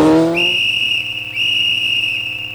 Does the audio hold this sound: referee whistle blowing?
yes